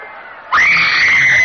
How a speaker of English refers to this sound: In the palace, Priam listens to the carnage outside with growing alarm.